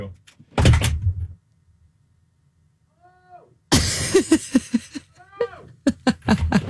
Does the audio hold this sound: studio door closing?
yes